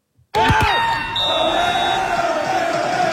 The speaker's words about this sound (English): Fans at this watch party went absolutely bonkers when Canada scored the late winner.